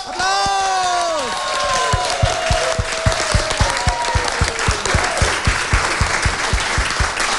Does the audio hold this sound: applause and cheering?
yes